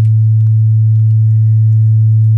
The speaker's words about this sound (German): Das ist ein 100-Hertz-Rauschen. Wenn ihr das zum Beispiel auf dem Handy anmacht und ans Ohr haltet, kann das gegen Reiseübelkeit im Auto helfen tatsächlich.